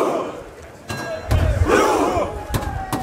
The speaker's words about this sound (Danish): Ja, her hører vi altså nordmændenes efterhånden ret kendte VM-kampråb, hvor de sidder på jorden side om side og roer, mens der bliver slået på trummen.